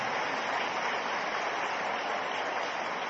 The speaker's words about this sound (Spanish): Sí, dele aplausos al Señor.